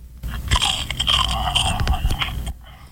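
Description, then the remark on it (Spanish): Someone crunches a biscuit for about two seconds, a dense run of crisp, crackling bites and chewing, fairly loud, with no talking over it. “A los 5 monstruos ruidosos les dio la premonición que a uno de entre sus filas le había dado por una galleta mascar.”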